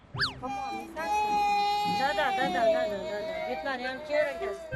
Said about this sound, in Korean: 대프리카답게 유난히 더웠던 이날의 대구. 피곤도 한데다 아마도 더워서 그랬는지 막내의 투정이 시작됐는데요.